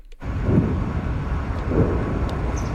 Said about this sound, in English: Distant explosions rumble through the air just south of Moscow following one of Ukraine's largest drone attacks of the war.